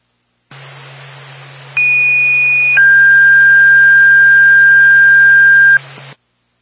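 A fire dispatch two-tone paging alert for the Easton Fire Department over a radio channel, before dispatch to a fire alarm activation on Loop Road in Easton: a short, high steady tone drops into a longer, lower sustained tone, both loud and clear above faint static and a low hum.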